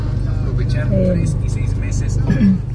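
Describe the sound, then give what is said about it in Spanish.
Street traffic at Calzada and Plan de Ayala rumbles steadily, with cars passing slowly because of a red traffic light and a continuous low engine drone, while muffled voices come and go in the background. “Me mandaste video, lo escucho y veo, obviamente, ¿no? Hay un poquito de tráfico, calzada y plan de Ayala.”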